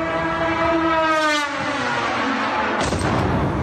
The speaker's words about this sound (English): That was a Russian Garand 2. It's a long-range delta-winged drone carrying a 50-kilo warhead.